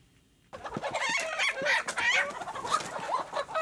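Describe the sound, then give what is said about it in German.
A dense chorus of chickens for sale at a large street market in Waldbröl, Germany, clucking and squawking, starts abruptly and continues steadily, many birds overlapping amid a busy, bustling background. “Mit so praktischem Kleinkram, einzelne Knöpfe und sowas, Leckeres und gackernde Hühner.”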